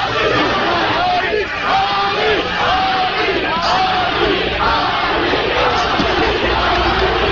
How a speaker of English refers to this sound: Crowd screaming, chanting, Ali, Ali.